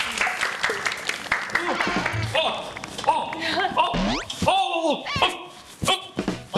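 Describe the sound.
An audience claps steadily for several seconds to welcome an aerobics instructor, a dense crackle of many hands, mixed with excited shouts and cheering voices rising and falling over it.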